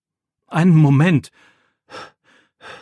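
A voice acts out heavy panting after running: a long, loud, groaning exhale, then two shorter breathy puffs spaced apart, alone with no talking.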